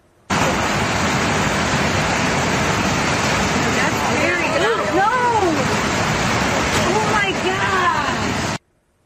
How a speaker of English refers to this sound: Two state troopers escaping raging floodwaters after their boat capsized in southeastern Missouri. Take a look at this.